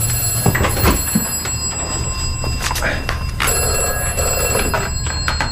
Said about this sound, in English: Oh, what's that? That's... the vestry phone, strange.